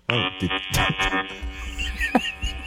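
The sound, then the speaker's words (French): A dildo vibrator buzzes steadily the whole time in a bedroom, a harsh, droning hum rich in harmonics, like a wasp nest, with a few short vocal sounds rising over it. “Oh, c'est-tu ton dildo pour vrai, ça? Excuse-moi, ça sonne comme un nid de guêpe, mais...”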